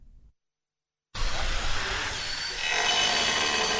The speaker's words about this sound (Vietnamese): Tiếng máy cắt gạch, tiếng khoan bê tông hòa lẫn tiếng xe cơ giới tạo nên nhịp lao động hối hả trên công trường, trường phổ thông dân tộc nội trú, tiểu học và trung học cơ sở Lóng Phiêng, tỉnh Sơn La.